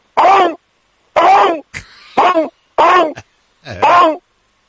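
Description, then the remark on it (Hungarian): A person imitates a raptor calling to its companions to come to a feast, with five loud, harsh, bending vocal bursts in a steady rhythm, separated by short pauses with faint breathy clicks and hiss. “mi már halottak vagyunk, és őt még kinézi 3 raptor, és leadja a társainak, hogy gyertek, nagy lakoma van. Hogy szól?”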